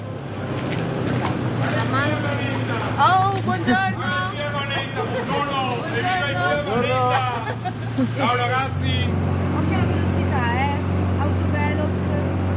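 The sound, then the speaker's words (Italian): A motorboat engine drones steadily on a busy canal of inland waters in the Venice lagoon, its low rumble continuous throughout while voices talk over it, the engine note shifting slightly near the end. “Sono acque interne, quindi fino ai 40 cavalli non è necessario avere la patente nautica, però qui c'è un traffico pazzesco”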